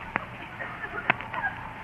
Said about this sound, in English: Well, you have to quack like a duck. Oh, well, why didn't you say so? Quack, quack, quack, quack.